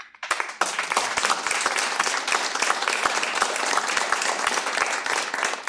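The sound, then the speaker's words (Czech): A crowd of people applauding, a dense and steady roar of many hands clapping at once, loud and sustained throughout with no voices standing out. “tleskáme ti.”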